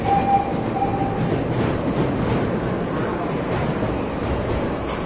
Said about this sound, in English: can hear all of the nuances, and you really get a sense of the lumbering weight of the train, the wood and the metal. And so you can hear the vibration and that ringing of the brakes. And when it starts again, you hear that vibration start up again.